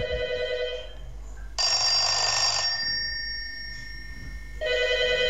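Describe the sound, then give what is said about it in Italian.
A 1970s SIP landline telephone's large mechanical bell ringer rings loudly, a rattling metallic trill in bursts separated by a short pause, with no one speaking. “Signori, telefono SIP anni 70, suoneria grande.”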